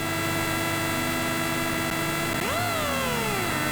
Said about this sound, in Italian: possiamo anche alzare a palla il volume, sentire il motore che arriva al limitatore di questa bella Citroen DS3 di Rally 2.